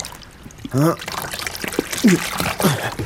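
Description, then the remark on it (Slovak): Water trickles and pours off a fishing net hauled up out of the water, a steady splashing drip, broken by a few short strained vocal grunts. “No, ešte raz vyťahnem sieť a poberiem sa domov.”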